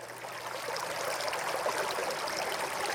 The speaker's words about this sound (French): On va s'imprégner de l'ambiance, de l'atmosphère de ce lieu. Et vous entendez des bruits d'eau, parce que de cascade, il s'agit bien sûr.